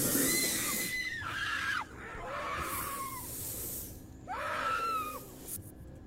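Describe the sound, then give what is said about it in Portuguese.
An anaconda attacks and swallows a peccary: the animal lets out several long, harsh squeals that waver and drop in pitch, separated by brief pauses, over a breathy, hissing background. “E nós temos uma outra passagem de uma outra cobra, já tentando dessa vez ali matar e engolir um porco do mato.”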